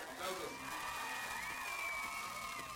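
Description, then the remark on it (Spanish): A short burst of canned crowd cheering and applause, a steady wash of clapping and voices with a few high whoops riding on top, holding at an even level throughout. “O sea, ni Chespirito se ponía esos aplausos tan tristes.”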